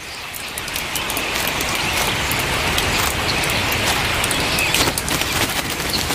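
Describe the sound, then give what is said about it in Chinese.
A waterfall, behind whose curtain of water black swifts live, pours down in a steady, dense roar, a broad hiss flecked with crackling splashes that holds at an even, loud level throughout, with no voices. “在嘈杂潮湿的环境里，它们几乎没有天敌，瀑布为它们提供了庇护。”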